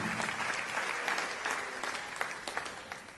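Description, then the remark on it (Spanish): An audience in the Claros Bull auditorium claps steadily as a loud greeting to the online, radio and television audience: a dense wash of many hands with sharper individual claps popping out, fading slightly toward the end. “Amén, así que, ¿cuánto le envían ese saludo? Fuerte aplauso.”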